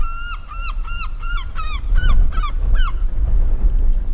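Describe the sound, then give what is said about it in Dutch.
Gulls, including black-headed gulls, call in a quick run of about nine harsh, nasal, loud cries over three seconds as bread is thrown to them, against steady low outdoor rumble that continues after the calls stop. “dan hoor je ze al, meeuwen.”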